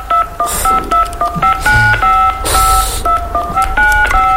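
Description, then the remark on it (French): A rapid, steady series of telephone keypad tones as the 16 digits of a credit card are entered, each short two-pitched beep following the next, with brief bursts of hiss and clatter between them. “Alors tape tout d'abord les 16 chiffres de ta carte de crédit sur ton clavier.”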